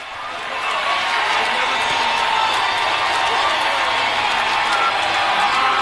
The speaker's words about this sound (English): Nashville makes the stand at the goal line and takes home the title in front of a packed home crowd. Listen to this crowd, Jake. They're going crazy.